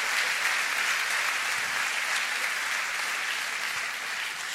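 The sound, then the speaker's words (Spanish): An audience claps steadily for several seconds, a dense, even wash of applause holding constant loudness from start to finish, with no voices rising above it. “Pueden aplaudir, ¿eh?”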